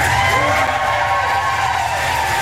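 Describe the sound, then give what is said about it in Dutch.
A crowd in London cheers loudly and steadily for Ukrainian President Zelensky for a few seconds, a dense continuous roar with a few sustained whistle-like tones riding on top. No one speaks clearly. “De Oekraïense president Zelensky werd met gejuich onthaald in Londen.”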